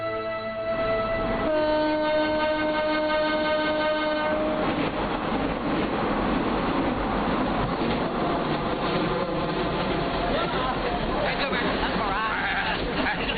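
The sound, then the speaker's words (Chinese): A passenger train on a return journey from Beijing in summer 2003 sounds a long, steady horn for several seconds, then a loud continuous rumble and rattle of carriages rolling over the rails carries on to the end. “刚刚在北京获得中华技能大赛焊接冠军的东北客车厂焊工孙大庆，登上了回程的火车”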